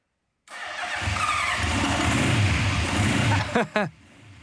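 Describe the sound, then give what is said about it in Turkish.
A motorcycle fitted with new exhausts fires up and settles into a loud, rumbling idle, then two quick sharp revs near the end, the last briefly trailing off. No one talks. “Ve böylece onu ateşleyeceğim. Bu yeni egzozların neye benzediğini görün.”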